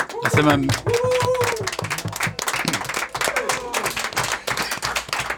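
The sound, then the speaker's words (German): A crowd at the Dyke March demonstration in Nuremberg applauds steadily throughout, dense rapid clapping mixed with cheering voices and a few whoops, loud and sustained for the whole stretch. “Da sind wir mächtig stolz drauf, dass wir so einen aktiven Dijkmarsch in Nürnberg haben und nochmal großen Applaus und Dankeschön.”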